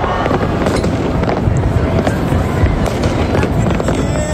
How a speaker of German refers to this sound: 1. August, das ist für viele Schweizer Nationalfeiertag. Das ist Höhefeuer, das ist Brötchen im Wald. Das ist Feuerwerk über dem Zürichsee, das ist Vulkanablau im Garten.